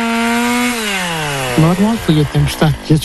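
A chainsaw drones steadily, its engine pitch sliding lower, then revving in a series of short rhythmic bursts as it bites into wood, cutting up trees felled by a storm in a forest.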